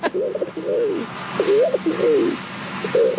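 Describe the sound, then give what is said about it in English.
A person imitates a rock pigeon's call: a run of throaty, rising-and-falling coos, about five in quick succession, loud with no other talking. “The rock pigeon.”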